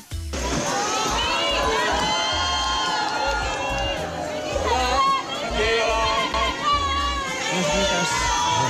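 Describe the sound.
A large crowd of fans at the San Sebastián (Donostia) film festival screams and cheers nonstop as actor Ricardo Darín arrives, high-pitched shrieks and excited shouts overlapping in a loud, dense wall of voices that swells briefly midway.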